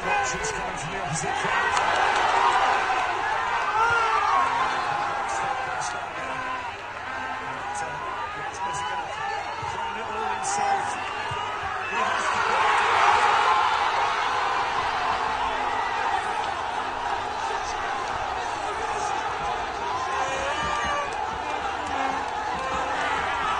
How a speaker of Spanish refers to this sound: Ese grito, ese festejo que ustedes escuchan, así gritaron el segundo gol de Messi en la Universidad de Dhaka.